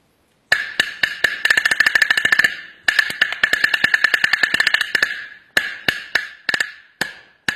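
Sharp, high-pitched drum strokes from a small Chinese single-skin drum, a piece of pigskin over a small wooden body about seven cun six fen across, beaten with drumsticks, starting as spaced hits and speeding into dense rapid rolls, then slowing back to single loud, ringing strikes.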